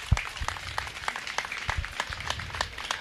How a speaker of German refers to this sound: Deswegen bitte mal einen Applaus für diese drei Menschen. Dankeschön.